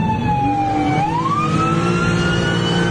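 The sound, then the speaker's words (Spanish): A loud ambulance siren wails continuously, its pitch dipping and then sweeping back up, over a low rumble of traffic or engine noise, with no voices; the ambulance, already missing a tyre, can no longer move forward. “Aquí el momento en que esta ambulancia, ya sin una llanta, ya no puede avanzar, y el motociclista le pide que descienda a este conductor.”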